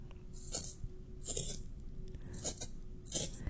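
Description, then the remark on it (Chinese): A pencil being sharpened, with four crisp, scratchy scraping strokes in a steady rhythm and a faint low hum underneath. “答案就是削铅笔。”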